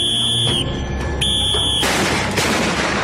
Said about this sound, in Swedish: Man får till exempel följa med i norra Spanien en getingbekämpare som spränger bort ett sammetsgetingsbo med någon sorts smällare eller något sånt i en puff.